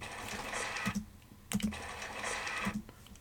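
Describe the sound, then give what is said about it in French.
A vulture sneezes twice, each a hissing burst of breath lasting about a second, with a short pause and a few faint clicks between them. “C'est un vautour qui éternue.”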